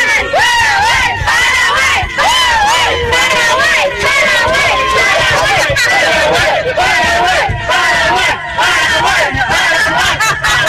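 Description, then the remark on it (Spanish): A loud crowd of football fans chants and cheers without pause before a match, many voices shouting and singing together in a dense, rowdy wall of sound. Among them are women from Asunción living in Boston. “Ahí está la fiesta que ya están armando estas chicas de Boston hace 5 años para acá trabajando y también, por supuesto, estudiando.”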